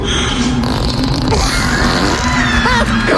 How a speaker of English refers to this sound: By the way, Gary Oldman, as British comes, yeah, sophisticated as hell, is dying laughing over these farts.